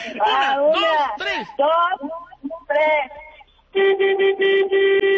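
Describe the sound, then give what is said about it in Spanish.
After a stretch of lively, excited talking, a driver sounds a car horn with a quick series of loud, steady honks, repeated with brief gaps. “A ver, entonces toque usted el claxon, a ver si le contesta la patrulla.”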